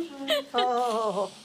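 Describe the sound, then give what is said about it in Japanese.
A woman whimpers and cries in a couple of shaky, wavering vocal bursts, her voice trembling with tearful pitch rising and falling, no clear words. “泣いてばかりだと、もう何も話さないわよ。”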